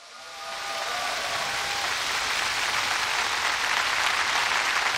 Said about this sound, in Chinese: 出席闭幕式的还有自治区有关部门和各盟市代表团负责同志等，让我们用热烈的掌声欢迎各位嘉宾的到来。